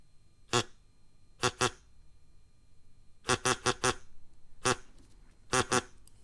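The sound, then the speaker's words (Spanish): Voices imitate a duck, letting out loud, nasal quacks in irregular clusters of one to four, about a dozen in all, with short pauses between groups. “haceros como un pato.”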